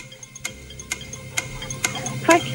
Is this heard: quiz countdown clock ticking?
yes